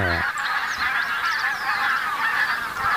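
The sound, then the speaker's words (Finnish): A large flock of barnacle geese and tundra bean geese, over a thousand birds, honking continuously, many overlapping yapping calls forming a dense, loud chorus with no pauses, filling the whole recording. “Siinä on valkoposkihanhia ja tunrahanhia.”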